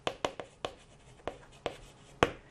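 Writing in Russian on a board, heard as about seven short, sharp tapping strokes at an uneven pace, with the last one the strongest. No one speaks over it.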